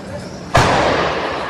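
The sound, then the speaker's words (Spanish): A single sharp, loud boom bursts out of a low rumbling background, then a broad roaring hiss lingers and slowly fades: a burning garbage container exploding on Benito Corval street in central Pontevedra on a Sunday evening. “Pois sí, era unha explosión. Isto é o que escoitaron os veciños de Benito Corval cando ardía un colector de lixo nesta céntrica rúa da cidade.”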